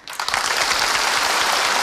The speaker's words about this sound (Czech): Prosím. Vřelý potlesk.